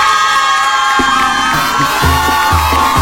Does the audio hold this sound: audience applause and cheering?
yes